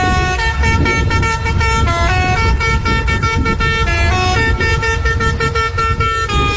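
A loud special horn on a fire engine plays a bouncy children's tune, its brassy notes stepping up and down in quick rhythmic bursts over a low engine rumble, continuous.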